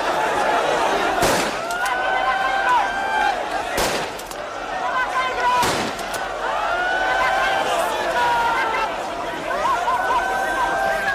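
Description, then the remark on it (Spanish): Three sharp, loud gunshots fired into the air by police to halt a surge of migrants during a transfer in Ceuta, Spain, crack out a couple of seconds apart, rising over the constant din of an agitated crowd with overlapping shouts and voices. “Son los disparos al aire que lanzaba la policía para frenar la avalancha durante ese agitado traslado de migrantes.”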